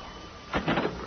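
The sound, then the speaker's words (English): A house door opens with a brief, moderately loud scraping rattle that lasts under half a second, set against a faint steady hiss, with no voices. “As soon as the door opened, I put my foot in it.”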